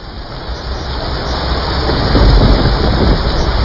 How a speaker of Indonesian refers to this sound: Malam itu, hujan turun sangat deras di sebuah desa di lereng perbukitan. Hujan yang tak kunjung berhenti sejak sore mulai menimbulkan kekhawatiran.